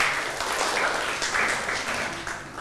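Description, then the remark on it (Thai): Steady applause for group 5, a dense wash of many hands clapping at once, fairly loud and even throughout with no voices standing out. “เดี๋ยวเริ่มจากกลุ่มที่5ก่อนเลยนะครับกลุ่มที่5อ่ะปรบมือให้กลุ่มที่5ก่อนนะครับ”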